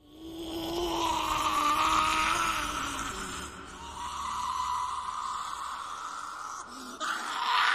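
Smergol's anguished cries, a strained, wavering wail that stretches on with few pauses, rising and sagging in pitch with raspy, groaning edges and steady, fairly loud intensity.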